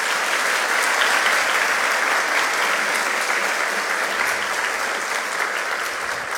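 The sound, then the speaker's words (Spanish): Sustained audience applause at a university awards ceremony, a dense, steady wash of many hands clapping at an even loudness for several seconds, with no voices standing out. “Pido fuertes aplausos para ella.”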